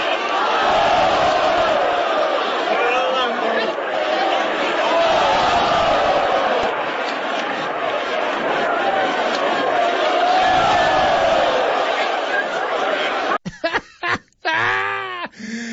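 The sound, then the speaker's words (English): A large crowd at a lemonade-drinking contest shrieks, yells and groans in one loud, sustained wave of reaction after a competitor vomits over the front row, lasting about thirteen seconds, then cuts off abruptly into a few short, choppy sounds. “Just listen to the crowd's reaction.”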